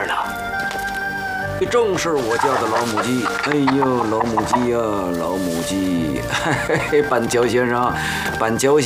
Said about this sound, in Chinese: 正是我家的老母鸡。哎呦，老母鸡呀，老母鸡。